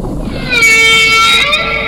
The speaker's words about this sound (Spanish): ¿Un delfín? No. Es una ballena. Una ballena. El canto de la ballena. El canto de la ballena. Mira cómo lo hace.